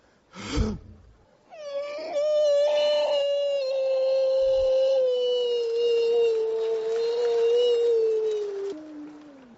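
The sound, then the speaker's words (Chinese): After a short vocal burst, a man's voice imitates a wolf howl as a singing warm-up demonstration: one long, loud, sustained wail lasting about seven seconds, gliding slowly downward in pitch before dropping off at the end. “这是狼叫唤呢。”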